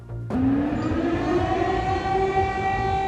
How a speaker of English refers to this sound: Air raid sirens are heard across Kyiv as reports of large explosions in the city centre this morning.